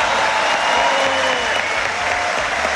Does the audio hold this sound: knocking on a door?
no